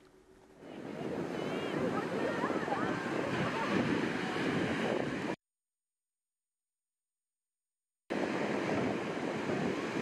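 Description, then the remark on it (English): Loud, continuous roar of ocean surf at Seabright State Beach in Santa Cruz, California, mixed with gusting wind noise, cutting out abruptly into a few seconds of silence before the crashing waves and wind return. “I was walking along the beach and the waves just kind of turned in a heartbeat.”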